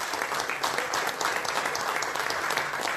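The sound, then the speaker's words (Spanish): A crowd claps steadily for a visiting guest, a dense, even wash of many hands applauding that holds at a fairly loud level for the whole stretch without pausing. “Vino a saludarme hoy y quiero que todos ustedes me den un aplauso porque ya está haciendo el camino.”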